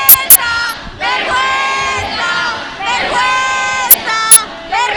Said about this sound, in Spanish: Ahora mismo están gritando los policías, no sé si podéis escucharlo.